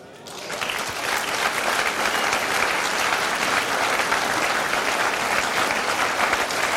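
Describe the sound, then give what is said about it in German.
Sustained applause from an audience: dense, steady clapping that swells in within the first half second and continues evenly at full strength, with no voices standing out. “Das ist natürlich auch deinen Applaus.”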